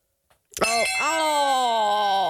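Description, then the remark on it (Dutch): A loud, piercing bell rings, two quick strikes followed by a sustained bright ringing tone that holds steadily for nearly two seconds. “Die bel hier in deze... De Dela doet echt zeer aan je oren, dat is niet normaal.”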